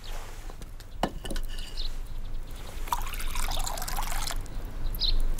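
Thick porridge is ladled from a pot and portioned out into servings, with wet sloshing and trickling, a sharp knock of the ladle early on, and a longer pour near the middle, with no talking.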